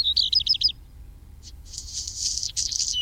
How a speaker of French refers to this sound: Son cousin, le rouge-queue noir, est présent aussi, on l'entend régulièrement.